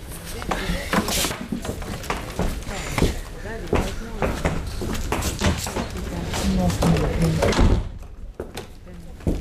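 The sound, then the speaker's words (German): A door is opened and shut with several knocking clunks and rattles amid busy movement noise and murmuring voices, ending with a firm thud before things go quieter. “Komm, halt mal die Tür auf.”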